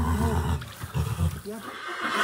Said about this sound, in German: Der schönste Moment ist tatsächlich, wenn so ein Fohlen da rauskommt. Die Stute fängt an, so ein bisschen zu wiehern. Und der ganze Stall wiehert mit.